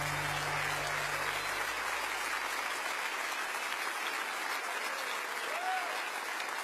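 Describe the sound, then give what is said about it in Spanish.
An audience applauds steadily, a dense wash of clapping from many hands that holds at an even level throughout, with a low hum fading out early on. “ese aplauso a él.”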